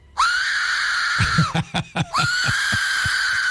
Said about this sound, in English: This is called an Aztec death whistle. Yeah. The scream comes from a skull-shaped whistle named the Aztec Death Whistle. It's pretty cool looking.